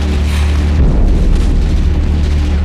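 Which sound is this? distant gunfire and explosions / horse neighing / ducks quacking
distant gunfire and explosions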